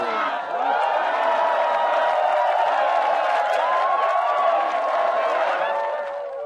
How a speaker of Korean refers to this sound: 다시 한번 큰 박수로 맞아볼게요.